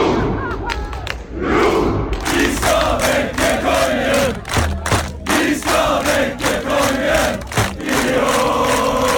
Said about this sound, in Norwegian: Norge! Norge! Det var full fest og stormende jubel i Oslos gater etter at Norge slo Senegal 3-2 i natt. Selv Slottsplassen var full av roende fans.